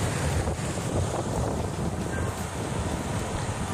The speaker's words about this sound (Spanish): Ah. Oleaje bravío. Y yo creo que también es un oleaje bravío.